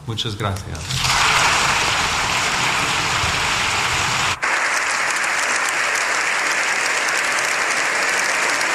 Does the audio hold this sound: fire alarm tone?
no